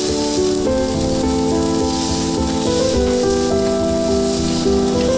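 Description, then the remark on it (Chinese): Charolais beef steak, seasoned with salt and black pepper, sears quickly at high heat in a hot pan, a steady hiss and crackle of sizzling that runs the whole time beneath sustained background music, with no one speaking. “只需要简单用盐和黑胡椒调味，在高温下快速煎烤，形成完美的焦化外壳，内部则根据喜好保持三分熟至五分熟。”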